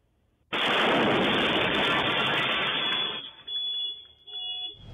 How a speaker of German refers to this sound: Als diese Shisha-Lounge explodiert. Allem Anschein nach ein gezielter und festgeplanter Anschlag.